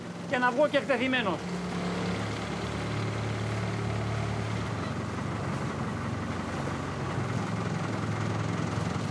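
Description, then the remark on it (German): The engine of a small 4-metre-long red motorboat in a harbour drones steadily, a low continuous rumble that holds an even level throughout, with a brief high wavering call at the very start. “Ich werde durchgeben, ein 4 Meter langes rotes Boot mit Motor gefunden zu haben.”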